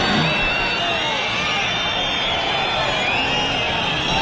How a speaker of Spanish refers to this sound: Ahí empiezan los abucheos, los pitos, fuera, y añadió el ministro tras la interrupción.